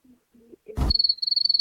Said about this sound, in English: Yeah, the crickets are just